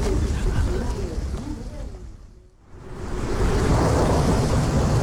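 Steady, loud rain pours throughout, with deep thunder rumbling underneath; the downpour briefly thins to a hush in the middle before surging back at full strength.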